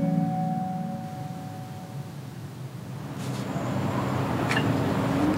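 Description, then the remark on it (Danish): A steady, low engine drone from a seaplane hums and rumbles, slowly growing louder toward the end. A faint brief high whine cuts through near the finish, and no one speaks. “Det kommer der fly, gør det ikke det? Jo, det tror jeg helt bestemt, der gør. Kan det være vandflyveren?”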